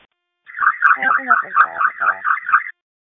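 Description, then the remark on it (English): A loud, rapidly pulsing alarm tone wails in quick repeated bursts for about two seconds; it sounds like a voice imitating an alarm going off in the back, then it cuts out abruptly. “can you just pretend the alarm is going off in the back?”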